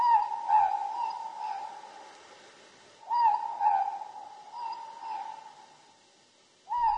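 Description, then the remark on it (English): A morepork (ruru) owl calls its two-note "more-pork" hoot several times, clear and mid-pitched, with pauses of a couple of seconds between calls and no voices. “The Ruru, the Morpork.”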